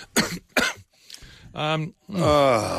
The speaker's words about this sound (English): Where's the cough mute button?